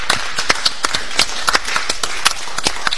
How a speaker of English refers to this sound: Give yourselves a round of applause, everybody who's here.